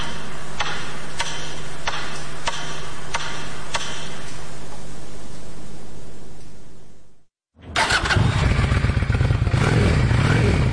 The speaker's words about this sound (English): She used to ride behind her partner, but this year, at age 55, she got her own motorcycle permit. She has a cruiser. It's a Honda Shadow. It's brand new, pewter gray, and sparkly.